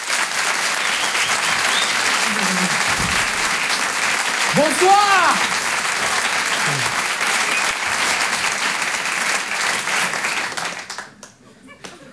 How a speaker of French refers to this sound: Rire et chanson Comedy Club. Je vous demande d'applaudir très fort, s'il vous plaît, Artus.